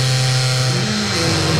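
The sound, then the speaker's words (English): A door fitted with a hydraulic closer slowly swings shut with a long, steady squeak, a droning, buzzy groan of layered tones that holds at an even loudness throughout, with no voices. “as it closed, it had one of those like hydraulic things that slow the door down”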